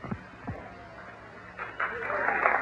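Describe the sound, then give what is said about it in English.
An audience begins clapping partway through, a dense patter of many hands that swells and keeps going to the end, following a stretch of quieter crowd noise. “Oh, Christ, I'm not trying to talk for clapping.”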